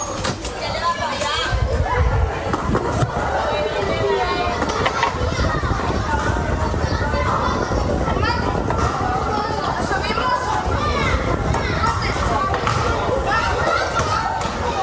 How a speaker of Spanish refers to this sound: Son niños jugando al caer la tarde, corriendo, riendo, montando en bicicleta o inventando cualquier excusa para seguir un rato más en la calle